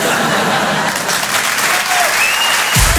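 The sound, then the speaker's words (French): Sustained audience applause, a dense steady wash of many hands clapping, with a few faint whistles or cheers rising above it near the end; the people are applauding in front of a porn film. “Regarde ma chérie, c'est la première fois qu'il y a des gens qui applaudissent devant un porno.”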